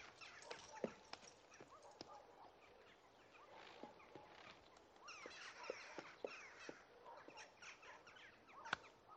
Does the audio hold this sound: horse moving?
yes